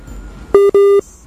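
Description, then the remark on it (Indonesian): Two loud electronic beeps in quick succession, a short one followed by a longer one, steady and buzzy in pitch, over a quiet background with no talking. “Waduh, tutut.”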